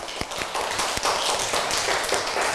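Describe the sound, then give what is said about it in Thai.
A group of children in an English class claps for a classmate, a dense, fairly loud patter of hand claps with a few sharper individual smacks standing out, continuing steadily without any talking. “เก่งมากปรบมือให้เพื่อนค่ะgive a big hand to your friend ปรบมือดังๆค่ะ”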